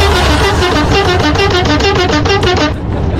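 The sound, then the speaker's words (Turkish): A car horn blares in a rapid series of short, bright honks with a steady rhythm over a low engine rumble, stopping abruptly near the end, sounded while driving past a speed radar in Kazan, Ankara, Turkey. “Şu anda radarın önünden geçiyorum ve senin için korna basıyorum.”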